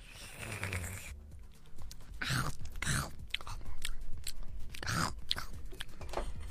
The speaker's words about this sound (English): You quickly take your first sip and eat.